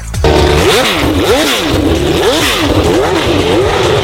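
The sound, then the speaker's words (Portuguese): A Formula 1 racing engine revs loudly and repeatedly, its pitch sweeping up and down in rhythmic surges roughly every second, with no voices over it. “É hora de falarmos de esporte e a gente começa acelerando.”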